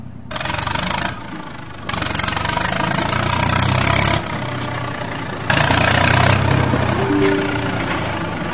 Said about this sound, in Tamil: சரி சரிக்கா, நம்ம தோட்டத்து பக்கம் ஒரு டிராக்டர் போதே, ஒருவேளை நீங்க ஓட்டுறதுக்கு வர சொன்ன டிராக்டரா இருக்குமோ? வாக்கா, சீக்கிரமா போய் பாக்கலாம். ஆமா, நம்ம தோட்டத்தை ஓட்டுறதுக்கு தான் வந்திருக்காங்க.